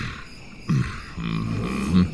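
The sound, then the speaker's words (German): A deep, throaty animal roar at a zoo, roaring as loud as it can for visitors: a short grunting burst followed by a longer rumbling growl that swells near its end, with no talking. “Und für die brülle ich, so laut ich kann.”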